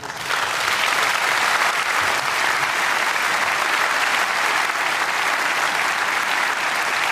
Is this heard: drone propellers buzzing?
no